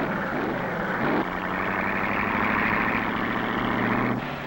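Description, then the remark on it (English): Loud, steady roar of racing engines with a droning hum, shifting pitch as one car revs up and another takes over, as cars go out one after another on a timed track run through light-beam timing. Continuous, with no talking. “Car after car goes out.”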